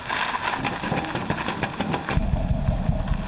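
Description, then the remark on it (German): A Dodge car engine runs with a rough, rattling chug, then drops into a deeper, throbbing low rumble as the car pulls away. Steady, with no voices. “Halte den Wagen auf. Halte doch endlich den Wagen auf.”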